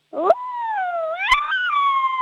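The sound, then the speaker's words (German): A person imitates an angry wolf howl: one long, loud, wavering wail that dips, then climbs in pitch and holds. Two sharp clicks break in near the start and middle. “Okay, und jetzt mach noch einen bösen Wolf draus.”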